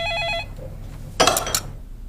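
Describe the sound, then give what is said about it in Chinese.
A landline telephone rings endlessly in a bright, buzzing burst that stops after under half a second, followed by a pause and then a brief, noisy clatter. “不接就把电话线拔了呗，没完没了的响，闹不闹心？”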